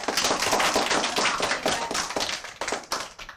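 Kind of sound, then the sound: crowd, applause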